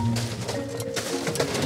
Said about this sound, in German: Was ist das? Oh, eine Mini-Nähmaschine.